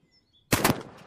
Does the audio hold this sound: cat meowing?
no